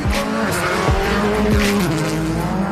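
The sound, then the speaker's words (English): A rally car engine, championship leader Tony Sinanen's car in the ERC Welsh round in Wales, screams at high revs on narrow, bumpy roads, its pitch rising and dropping sharply with rapid gear changes, loud and continuous, with bursts of tire noise and gravel hiss throughout. “Championship leader Tony Sinanen screaming through the daunting, narrow, bumpy roads to take over the top spot.”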